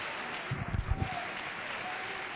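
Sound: audience applauding loudly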